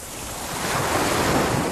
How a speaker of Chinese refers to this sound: 大海。如果有一天，这些美好的声音突然消失